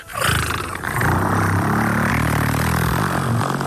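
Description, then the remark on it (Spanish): A person who makes sound effects for radio imitates a diesel car engine with a loud, rough rumbling growl held steadily for several seconds, with no other talking. “Entonces, o en el coche diésel.”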